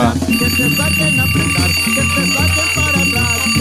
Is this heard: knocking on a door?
no